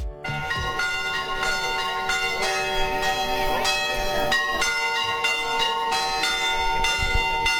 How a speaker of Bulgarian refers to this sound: Камбанен звън извести празничния ден, в който отбелязваме рождението на Свети Йоан Кръстител.